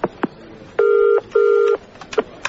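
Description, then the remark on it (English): A few short dialing beeps lead into a telephone ringback tone, two steady buzzing rings in quick succession, followed by faint clicks on the line. Clear, with no talking. “I think I need to make a phone call.”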